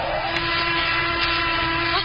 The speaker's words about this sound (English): Planes overhead now. The British are raiding us again. What, you mean those are British planes in the sky? Some of your American planes, too, you schweinhund.